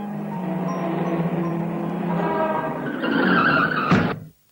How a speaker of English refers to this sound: Poor Willy. The car has knocked him down.